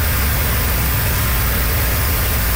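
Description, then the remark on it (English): Motorists drive over a flooded road in southern Cape Breton, Nova Scotia, after heavy rain and high winds: a steady, loud rush of splashing hiss over a low engine rumble, continuous for the whole stretch with no voices. “Motorists drive over a flooded road on southern Cape Breton.”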